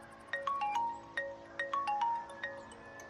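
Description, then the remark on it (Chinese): A phone rings with a melodic electronic ringtone, a short bright phrase of tones repeating several times in a steady rhythm, clear, with no one talking; a man at a train station is calling his mother's mobile phone. “心力交瘁的他拨通了母亲的手机，向家人寻求安慰。”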